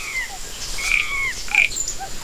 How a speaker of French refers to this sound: Le coassement des grenouilles, des crapauds et des rainettes? C'est une forêt sauvage d'une grande beauté. C'est la jungle.